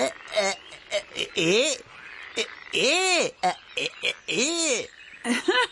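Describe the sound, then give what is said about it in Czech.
A frog croaks repeatedly, loud rising-and-falling calls broken up by short raspy clicks, coming in an irregular rhythm with no one talking. “Psst, tamle žabka připuva.”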